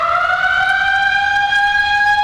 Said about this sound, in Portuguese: Tá na hora de ligar, vai tocar a sirene, você chega na marca, uma quarta-feira muito maravilhosa e para não perder o trem, né? O trem, quem vai viajar às 7, uns vão trabalhar e outros viajar, vai tocar a sirene.